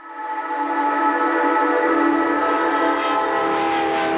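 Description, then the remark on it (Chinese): A train on a railway crossing a high plateau sounds a loud, sustained chord-like horn throughout, and about halfway in a low rumbling of wheels on the rails joins beneath it. No one speaks. “一条穿越高原的铁路，20年风雪无阻。”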